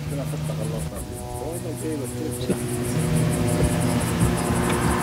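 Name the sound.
drone flying overhead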